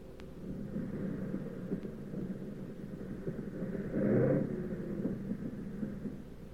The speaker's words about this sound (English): But we came in okay, with one engine sputtering and the fuselage full of holes.